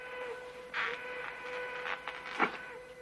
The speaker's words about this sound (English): Rance hears the train whistle and checks his pocket watch.